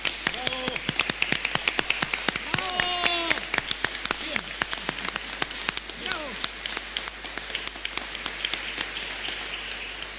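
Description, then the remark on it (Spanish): A church audience claps steadily for about ten seconds for men preparing for ordination as deacons, a dense patter of sharp, overlapping hand claps, with a few brief voices calling out above the applause. “Le damos un aplauso a estos hermanos nuestros también, ¿eh?”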